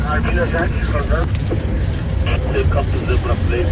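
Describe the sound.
A safari car's engine drones steadily, a continuous low rumble throughout, with faint indistinct voices murmuring underneath.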